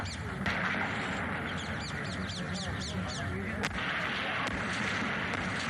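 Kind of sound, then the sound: impact, bombs exploding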